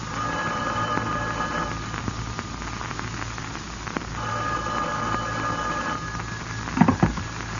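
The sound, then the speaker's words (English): A telephone rings through a steady wash of hiss and crackle, its tone moderately loud, with a couple of sharper knocks near the end and no one speaking. “You had almost finished packing when the phone rang.”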